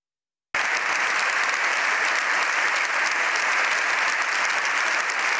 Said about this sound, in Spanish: Casi 7 minutos de aplausos han despedido al Papa tras su histórico discurso en el Congreso, que ha durado casi media hora.